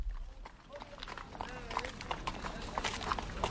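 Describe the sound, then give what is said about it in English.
Horse hooves clip-clop in an uneven string of sharp knocks over a steady outdoor background, fairly loud, with faint birdlike chirps threading through. “Your horse just stepped in my flowers.”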